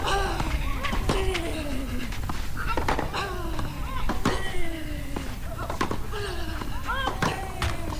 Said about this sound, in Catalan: sembla que hi ha una mica de vent aquí al Tennis Club Badalona i és important el llançament de la pilota durant el servei. Ara sí, segon servei.